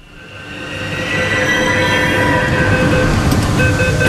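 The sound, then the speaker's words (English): A metro train rumbles as its doors open for boarding at 4:30 p.m. on a Thursday, its steady hum and high electrical whine swelling louder over the first second, then holding a dense, continuous roar with faint metallic squeals. No voices. “on a Thursday, and the metro doors open to a swarm of young boys in bright green polo shirts streaming into the train.”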